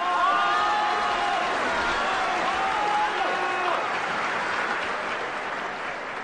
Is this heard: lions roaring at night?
no